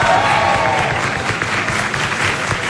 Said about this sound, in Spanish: Así que, por favor, nuevamente, los aplausos para el doctor, por favor.